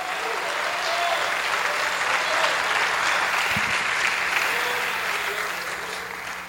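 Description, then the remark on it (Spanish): An audience claps steadily to bless God for several seconds, a dense, even wash of applause that holds strong and then begins to taper off toward the end. “Bendiga a Dios con su aplauso.”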